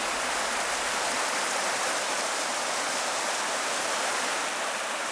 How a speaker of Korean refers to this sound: 화양천 맑은 물 따라 아홉구비 계곡의 물소리 아름다운 곳, 화양구곡입니다.